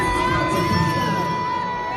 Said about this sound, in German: Ja, kam nicht gut an, ha? Ja, also da hören wir auf jeden Fall, dass sie ausgebuht wurde und das Video ging dann auch voll viral.